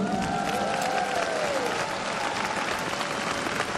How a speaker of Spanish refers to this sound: Y por favor, a los amigos y amigas que nos están acompañando a través de la radio y la televisión en muchos países, mandémosles un fuerte aplauso.